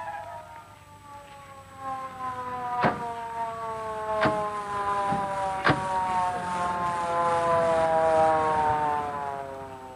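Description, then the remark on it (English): A police car siren wails steadily and grows gradually louder as it approaches, with a few sharp clicks breaking through along the way. “I could hear the siren coming.”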